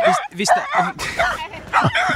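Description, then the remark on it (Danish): A dog that is unhappy with the microphone barks repeatedly at it, a quick series of sharp, loud, yelping barks with short gaps between them. “Der var en hund, der ikke var så glad for mikrofonen.”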